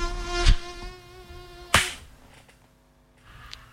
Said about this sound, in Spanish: Yo soy del instinto felino en el que no me vuelvo a acostar hasta que ese zancudo pasó a mejor vida.